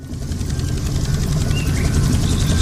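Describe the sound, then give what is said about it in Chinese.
A remote-controlled toy airplane with a hand-painted livery whirs overhead with a steady, buzzing propeller drone that stays fairly loud throughout, with no one speaking. “给我玩才不危险，这是我的飞机。”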